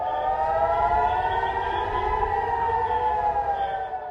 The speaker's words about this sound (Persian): در سوی دیگر چندین شهر اسرائیل در طول روز دوشنبه هدف دست کم 2 موج موشکی ایران قرار گرفت، حملاتی که آژیر خطر را در بیت المقدس، حیفا و چند شهر دیگر اسرائیل به صدا در آورد.